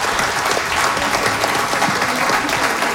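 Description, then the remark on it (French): Sustained applause from an audience at a live broadcast from the Cégep Limoilou, a dense, steady patter of many hands clapping at once, loud, with no voices standing out. “Je pense qu'on peut l'applaudir encore une fois.”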